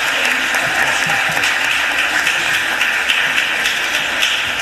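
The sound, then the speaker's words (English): A crowd claps steadily in sustained, even applause for young people at a Philadelphia City Council meeting, a loud dense wash of many hands with no voices rising above it. “Can we give our youth a round of applause for being in the right place at the right time?”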